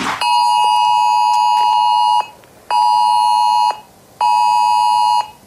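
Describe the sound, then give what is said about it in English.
A loud, harsh electronic alert tone from a test of the Australian government's emergency alert system on mobile phones blares in three long bursts. The first lasts about two seconds and the next two about a second each, separated by short gaps, with no voices. “That's what it's going to sound like. And apparently, that's what you're going to hear on your mobile phone at 2 o'clock today.”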